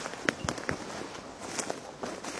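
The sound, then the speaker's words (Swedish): Footsteps crunch over dry, crackling ground outdoors in morning sunshine, a handful of sharp, crackly steps at an uneven walking pace, each one a brief gritty burst against a soft, steady background hiss. “Det är torrt, man hör att det är torrt. Det knastrar.”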